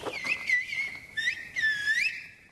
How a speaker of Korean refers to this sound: 라 고메라 전역에서 쓰이는 휘파람 언어, 실보 고메로입니다. 위에 계신 분들과 대화 중인가 본데요. 네, 여기 또 전통 휘파람이죠. 실보로 준비됐다고 내려오라고 이렇게 좀 사인을 주셨습니다.